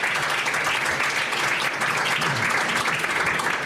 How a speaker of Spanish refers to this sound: Les damos un aplauso a ellos cuatro, ustedes.